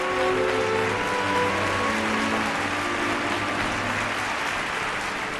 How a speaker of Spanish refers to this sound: Quedó impactada cuando una oleada de aplausos como un trueno cayó sobre ella. El ruido abrumó su agudo sentido del oído.